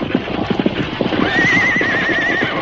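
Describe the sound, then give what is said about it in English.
Horses' hooves clop rapidly and steadily while a horse lets out a long, wavering whinny in the second half. “You can't stop them horses. They'll pull you right along.”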